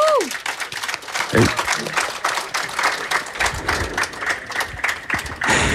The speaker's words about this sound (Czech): Chceš slyšet, jak ti sadová kolonáda tleská?